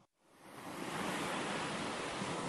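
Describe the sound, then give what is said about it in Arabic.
Sea waves rush in as a broad, steady roar in an advert for The Manhattan Fish Market in Amman, swelling up quickly from near silence and then holding a loud, continuous wash of surf with no voices. “لحظة، إحنا بعمان، طيب من وين جاي صوت البحر؟”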